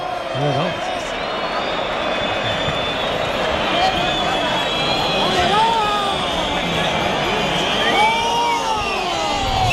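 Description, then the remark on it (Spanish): A large bullring crowd at a bullfight roars with steady shouting and cheering, including shouts of "torero", loud and continuous, many voices overlapping with individual cries rising above the dense wash of noise throughout. “Gritos de torero.”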